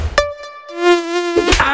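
A high, thin mosquito whine drones steadily for over a second, its pitch wavering slightly, cut by a couple of short sharp clicks or taps.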